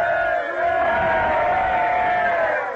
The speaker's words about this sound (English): 3 cheers for General Washington! Hooray! Hooray!